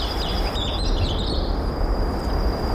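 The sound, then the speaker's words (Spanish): Birds chirp and twitter steadily outside an open window on the outskirts of a city, over a constant outdoor hum, with high, thin calls overlapping throughout and no voices. “Ha sido abrir la ventana.”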